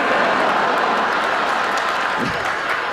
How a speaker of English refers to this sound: Yeah, you cheer, but I don't think you realize how that makes me feel.